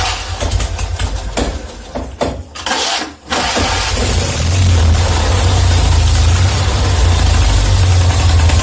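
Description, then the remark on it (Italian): A two-cylinder 650 engine, just after its valves were adjusted and new oil was added, cranks with a few uneven bursts, catches, then settles into a loud, steady, low idle that continues to the end. No one speaks. “Mettiamo in moto e verifichiamo.”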